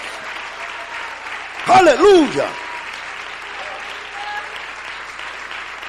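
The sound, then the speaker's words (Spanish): An audience claps in praise of the Lord Jesus Christ in a dense, continuous wash of applause that fills the whole stretch, while a single voice calls out briefly over it partway through. “Dele ese aplauso de alabanza al Señor Jesucristo.”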